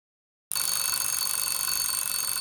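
After half a second of silence, an alarm clock bursts into loud, continuous ringing, a harsh metallic bell clatter that stays steady without any pause.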